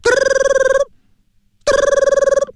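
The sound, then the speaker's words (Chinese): An old-style mobile phone ringtone as police call a lost mobile phone a second time: two loud, rapid trilling bursts of a bright electronic tone, each under a second long, separated by a short silent pause, with no talking. “那位说，您这手机呀，这听这动静啊，还是老一点。”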